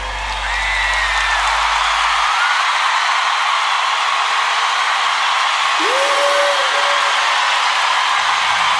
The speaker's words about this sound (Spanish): Un aplauso a mi esposa